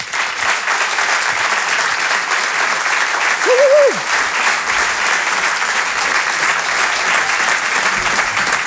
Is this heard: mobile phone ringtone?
no